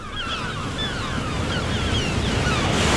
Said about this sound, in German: Und jetzt wollen wir schweigen und lauschen auf das Meer, das seine Wellen über den Sand rollt. Lauschen. Den Wind, der durch die Gräser pfeift.